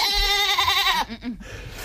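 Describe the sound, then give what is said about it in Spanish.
A goat, a pet mascot for parading, lets out a single loud bleat, a wavering nasal cry lasting about a second, followed by a few softer, shorter vocal sounds. “Para desfilar con una cabra de mascota con el nombre de Babieca.”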